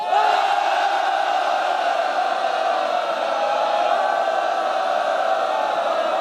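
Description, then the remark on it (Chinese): A large audience at an army arms university applauds and cheers to welcome an army battalion commander and alumnus, a dense, continuous roar that holds at a steady loudness for about six seconds, with a blur of voices mixed into the clapping. “让我们用热烈的掌声欢迎张灿灿。”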